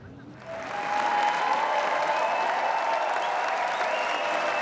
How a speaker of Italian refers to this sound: La sala Lumière contiene oltre 2000 spettatori. Gli applausi alla fine della proiezione sono un'esperienza unica.